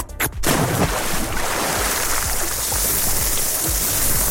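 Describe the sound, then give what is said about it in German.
After a brief pause, a steady sizzling hiss with dense crackling and popping starts and continues at an even level, food grilling, part of a summer sound collage from the Radio Regenbogen community in Baden-Württemberg. No voices are heard. “Also Eis schlecken, ins Wasser springen und grillen.”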